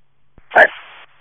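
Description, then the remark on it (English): A single sharp bark from an aggressive dog, loud and abrupt, followed by a brief muffled tail and then quiet. It sounds thin and band-limited, as if heard over a radio. “The dog's aggressive.”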